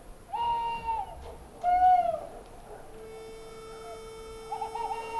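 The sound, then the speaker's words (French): At dawn in a sleeping village, a single bird, the first of the day, calls out in a few clear, tonal hoots near the start, then a steady faint tone hangs over quiet ambience before another soft call near the end. No voices. “Il y a toujours cet oiseau premier. Le premier à lancer les feux de l'aurore.”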